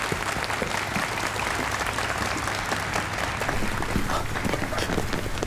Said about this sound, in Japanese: 白井大臣がお帰りになります。皆様盛大な拍手でお見送りください。